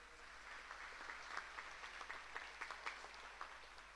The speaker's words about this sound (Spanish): Y por supuesto, a todos los niños y las niñas, muy feliz día de los que están acá especialmente. Un fuerte, fuertísimo aplauso.